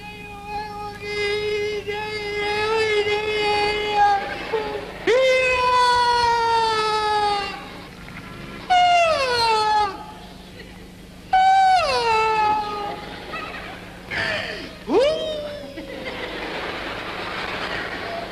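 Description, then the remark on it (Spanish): A child cries loudly in several drawn-out wailing bursts separated by short gasping pauses, with a steady low rumble in the background. “¿qué te pasó? ¿Por qué estás llorando?”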